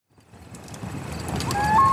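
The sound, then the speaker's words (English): A steady low rumble builds in loudness, and near the end a thin, pure wailing tone rises in a step and holds, like the start of a loon's call, in Canada. “What kind of a bird makes a noise like that? A loon.”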